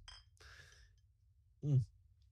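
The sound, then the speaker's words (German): A brief, bright clink of glasses touching in a toast, with a soft rustle after it and a short voiced sound a moment later. “Naja, und Prost.”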